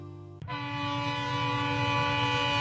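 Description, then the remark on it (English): A loud, sustained train horn blares with steady harmonic tones over the rumbling roll of a passing BNSF freight train, starting abruptly after a brief lower hum and holding steady. “And at BNSF, we're more than just a railroad.”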